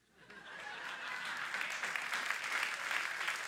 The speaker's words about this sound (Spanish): Solo al pastor Pedro le aplauden. Otra vez.